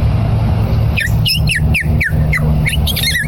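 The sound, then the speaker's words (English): A person whistles an imitation of a purple martin's call: a quick run of about seven chirpy, gurgling notes sliding up and down, clear over a steady low rumble. “Next, the purple martin.”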